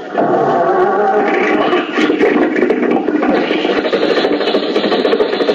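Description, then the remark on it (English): Mr. Benny's old car motor, in a garage, cranks and catches, settling into a loud, rough, rasping clatter that runs steadily for several seconds with no voices. “The motor's going.”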